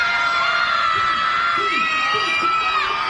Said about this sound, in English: Crowd firing it up here at TD Bank Ballpark, needing the punch out for Harrison Cohen.